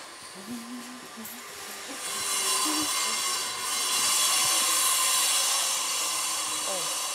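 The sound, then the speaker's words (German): Construction noise at an elephant enclosure, with a steady, harsh drilling whine that swells after a couple of seconds and holds loud and continuous, with faint vocal sounds in the first moments. “über den Baulärm ein wenig hinwegtrösten.”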